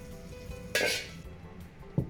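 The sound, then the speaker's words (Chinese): Pig large intestine and wrinkled-skin chili peppers are stir-fried over high heat in a hot wok with rapeseed oil: a sudden loud sizzling hiss that fades after half a second, then a single metallic scrape of the pan, with no voices. “我们在家中准备这些调料，再按屏幕上方的佐料调味，最后改旺火快速翻炒，这样锅气味更足，味道更香。”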